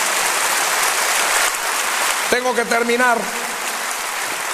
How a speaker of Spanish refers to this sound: Él es todopoderoso, Él es maravilloso, Él es majestuoso. Dele un aplauso de gloria a nuestro Señor.